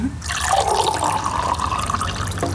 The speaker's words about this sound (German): Was darf ich dir denn zum Trinken einschenken? Ich habe gerne Wasser. Wasser, danke.